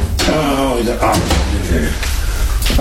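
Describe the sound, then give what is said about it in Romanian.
The heavy door of a safe, not very large, is worked open to get papers out, with several loud metallic clunks and knocks spread across a few seconds, while a voice murmurs underneath. “Am actele aici, în casa de bani. O clipă. Ce ușă grea, deși nu e prea mare.”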